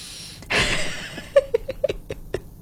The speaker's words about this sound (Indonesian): Bahkan tanpa harus meninggalkan meja, kamu bisa mulai dengan mengambil 5 tarikan nafas nih.